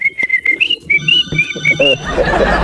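A person whistles a bouncy tune, a string of clear, pitched notes rising and falling in quick rhythm, fairly close and loud, then breaking into a burst of noise at the end.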